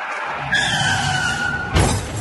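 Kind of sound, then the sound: vehicle, car skidding and crashing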